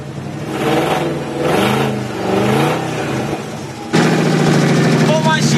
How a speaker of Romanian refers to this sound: cel mai special lucru este cum anume se aude această mașină, pentru că am aflat inclusiv cum anume se pornește. Cam așa pornește această mașină și trebuie să vă arăt cum anume se aud acești 350 de cai putere în acest moment.